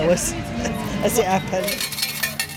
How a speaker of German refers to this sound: Sie holt am Wechselautomaten Kleingeld, das ihre Kinder an den Spielautomaten ausgeben können.